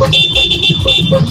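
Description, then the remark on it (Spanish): A small toy truck horn beeps in short repeated honks, a thin high-pitched electronic tone pulsing loudly, with no talking. “No, si tengo bocina, pero el camioncito es más chico, mira.”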